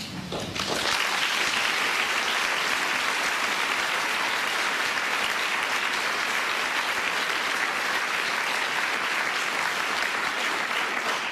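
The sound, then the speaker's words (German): An audience applauds steadily for about ten seconds to welcome a guest, a dense, even wash of clapping that starts abruptly and stays loud throughout, with no voices heard over it. “Bitte begrüßen Sie mit einem Applaus nochmal Miriam Sage-Maas.”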